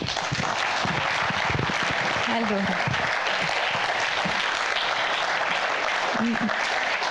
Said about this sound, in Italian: Mi hai anticipato, aspettiamo che sfumi l'applauso. Fatelo ancora.